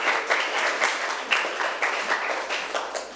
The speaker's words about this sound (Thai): ค่ะปรบมือให้เพื่อนหน่อย